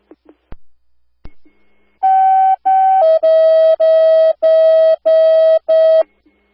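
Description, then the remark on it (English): Tilburg fire department alert tones sent to home receivers: a couple of sharp radio clicks, then two short tones stepping down into a run of loud, evenly spaced electronic beeps, with no talking. “Hold on, fire alarm to all home receivers.”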